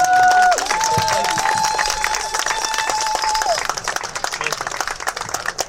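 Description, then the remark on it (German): A crowd applauds with dense, steady clapping, a high whistle riding over it for a few seconds before the clapping thins and tapers off. “ganz schön Applaus.”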